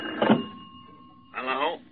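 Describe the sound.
A telephone rings with a steady electronic tone, moderately loud, while brief muffled voices cut in near the start and again toward the end.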